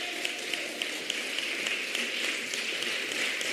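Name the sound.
audience applauding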